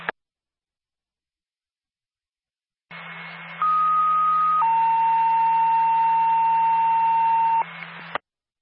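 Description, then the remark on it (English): After a click and a few seconds of silence, a radio dispatch alert tone from Lincoln Base for Linwood Ambulance, dispatched to a medical alarm call in Woodstock, sounds through hiss and hum: steady electronic tones stepping from high to lower pitch, the last held for about three seconds. “Lincoln Base, Linwood Ambulance, stand by for a tone.”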